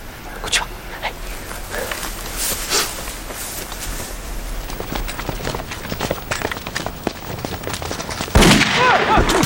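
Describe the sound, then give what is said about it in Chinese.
Irregular gunfire crackles throughout, many sharp shots in a chaotic exchange, with voices shouting underneath and a louder burst of noise near the end, as troops open an ambush on puppet troops at a signal shot. “告诉咱们人，听我的枪响为号，啊！”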